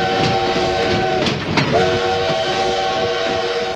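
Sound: train departing with horn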